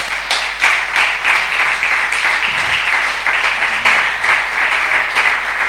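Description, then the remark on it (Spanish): A crowd applauds steadily for several seconds, a dense, sustained wash of many hands clapping at once with no voices standing out, giving applause to the Lord. “Estáis muy serios, dale ese aplauso al Señor.”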